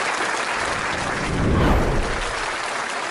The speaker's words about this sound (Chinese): 蓬皮杜总统的夫人亲自出席了，观众倒是很热情的，演完了这节目长久的鼓掌，这个不肯散场。